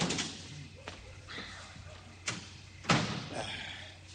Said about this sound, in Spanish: Bien. Cierro la puerta. Eso es, y la llave quito, ¿eh? Que no se vea que hay gente aquí.